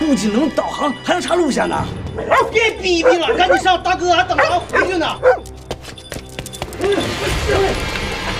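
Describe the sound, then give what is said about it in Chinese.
A Labrador barks and whimpers, high rising whines at first, then a flurry of yips and barks, with people talking and a busy background running throughout. “哎呀，没想到还是只拉布拉多啊，长得这傻样，我喜欢。”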